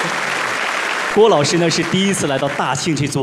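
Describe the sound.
A steady wash of audience applause fills the first second, then a man starts speaking while the clapping fades beneath his voice.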